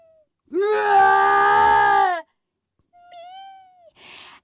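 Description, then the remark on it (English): A voice imitates a distressed cat, letting out one long, loud, strained yowl, then a shorter, thinner wail and a brief breathy hiss, with no other talking. “I say it's the cat.”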